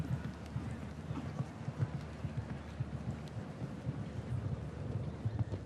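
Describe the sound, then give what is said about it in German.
A ridden horse's hoofbeats pound in a steady, rhythmic canter as it approaches a jump sequence and heads to the first Irish bank, a run of muffled low thuds repeating throughout over a constant rushing background noise. “Hat sein Pferd aber trotzdem noch exzellent gerade gestellt bekommen beim Anritt auf diese Sprungfolge.”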